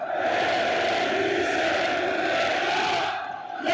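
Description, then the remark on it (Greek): A packed indoor arena crowd at the Telecom Center chants and shouts without pause, everyone in the stands shouting, a dense, loud roar of many voices holding steady before dipping slightly near the end. “Τα συνθήματα δεν έχουν σταματήσει. Όλοι ένας προς ένα, δεν υπάρχει άνθρωπος ο οποίος βρίσκεται στην κερκίδα να μην φωνάζει.”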